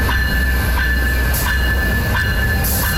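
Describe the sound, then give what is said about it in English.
A Via Rail passenger train arrives at Guildwood Station in Scarborough, loading passengers; its loud, steady rumble is broken by rhythmic wheel clacks about every second and edged with a thin metallic whine; no one speaks. “Morning, Via Rail train arrives at Scarborough Guildwood Station loading passengers, something that won't be happening for much longer.”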